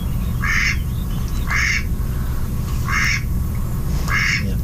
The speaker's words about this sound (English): Yeah. It's kind of a reedy, lower sound. So I think this last one is probably a male mallard, the first one with the female. Not the most pleasant sound, I must say.